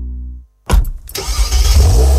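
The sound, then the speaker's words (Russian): A Solaris car engine cranks and catches after a brief silence, then settles into a steady, low, rumbling idle. The sound is loud and stands alone, with no voices. “Узнали этот звук? «Солярис». Знакомый с первого звука.”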